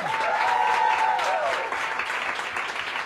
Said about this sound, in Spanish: Y daros un aplauso inmenso y tocaros y besaros a vosotros y vosotras mismas, que sois maravilla del mundo. Aplauso para vosotros.